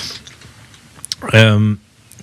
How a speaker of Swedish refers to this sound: Så jag sitter och klickar lite grann här på Secretary of Treasury. Jag klickar bakåt. Preceded by på Wikipedia. Jag ska sluta klicka nu,